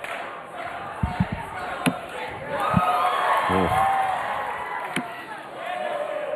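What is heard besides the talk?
darts crowd cheering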